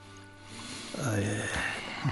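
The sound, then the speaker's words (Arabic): Water is poured into a glass for someone taking a medicine tablet, a steady splashing trickle that lasts about a second and a half and rises in pitch as the glass fills. “خذ قرص هذا الدواء، ضعه في فمك. أحضرك كأس ماء.”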